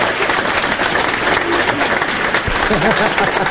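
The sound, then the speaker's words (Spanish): A theater audience applauds a comedian's joke steadily, many hands clapping in a dense, sustained burst, with a faint voice murmuring underneath near the end. “Esa se merece un aplauso.”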